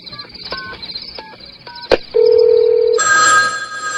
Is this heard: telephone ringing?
yes